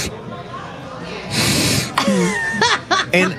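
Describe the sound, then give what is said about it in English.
A voice mimics the breathing noise an ice machine in a kitchen was making: a long, airy exhale followed by several short, throaty voiced huffs in an uneven rhythm, fairly loud. “Back in the kitchen here at Jenks on the boardwalk, the ice machine was making this breathing sound going.”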